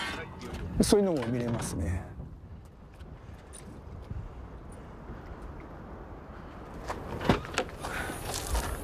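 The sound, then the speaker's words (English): A man packs up his car outdoors after a dive: a few clunks and a sharp knock near the end over steady wind noise, with a brief voice near the start. “packs up his car.”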